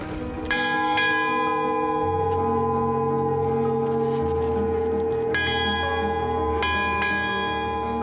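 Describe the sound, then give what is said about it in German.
A bell rung repeatedly in the open air on a mountain summit on Crete, following Greek tradition, loud, its struck tones overlapping and lingering with a long, resonant metallic hum between strokes. “Jetzt läuten wir hier, oder? Nach griechischer Tradition.”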